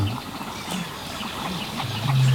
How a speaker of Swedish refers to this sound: Men vi hör en ny art faktiskt, skäggdopping. Ja, just det. Det är lite sträva. Precis. Skällandet.